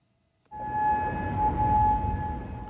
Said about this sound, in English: Sirens blasted in Kuwait during the early hours of Sunday morning.